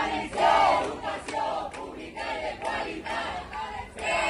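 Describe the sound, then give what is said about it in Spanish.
A crowd of teachers in Castellón chants protest slogans such as "Educación pública y de calidad" as they receive the president of the Generalitat, Juan Fampero Yorca, in loud, rhythmic unison, voices rising and falling in repeated shouted phrases that run steadily through the whole stretch. “No opinan lo mismo los profesores que han recibido esta mañana al presidente de la Generalitat, a Juan Fampero Yorca, en Castellón, con estos gritos.”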